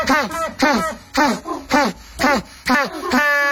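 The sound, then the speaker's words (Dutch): An African penguin brays in a rapid series of about six loud, harsh, honking notes, each swooping in pitch, ending on a longer drawn-out tone. No one speaks over it. “Of een Afrikaanse pinguïn?”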